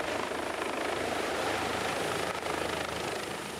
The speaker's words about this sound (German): Die Geschichte von Jack und ADAC-Hubschrauber Christoph Hanser ist nur eine von vielen